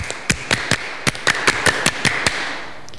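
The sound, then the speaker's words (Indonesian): A group claps the Pramuka scout rhythm (tepuk pramuka), a patterned series of 13 sharp, crisp claps in short bursts of three, played out steadily over a faint background hum with no voices. “Sedari awal kita sudah tepuk pramuka dengan bersemangat.”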